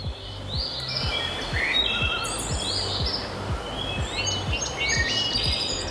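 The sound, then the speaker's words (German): Birdsong fills the air along a hiking trail through tree-covered dunes: several birds chirp and trill in repeated bursts over a steady outdoor hiss, with a soft low pulsing underneath and no one speaking. “Lass dir Zeit, pack das Handy in die Tasche und hör mal, Vögel und sonst nichts.”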